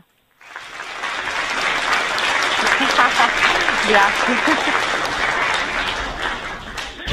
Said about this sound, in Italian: hai visto l'applauso